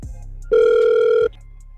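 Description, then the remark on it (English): A single steady electronic ringback tone from an outgoing phone call placed by the Get Up Crew show, lasting under a second, loud and clear, with quiet line hiss before and after and no talking. “We're going to call him for you right now.”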